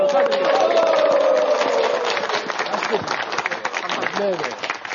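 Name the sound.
audience cheering and shouting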